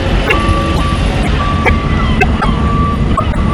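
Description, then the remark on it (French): Heavy container truck engines rumble steadily while intermittent beeping tones and occasional clanks cut through, as trucks carrying large shipping containers load and unload them on the quays of a busy port east of the city. “Ici, un balai, ses sons de camion. Il transporte gros conteneurs maritimes qu'il charge ou décharge sur les quais.”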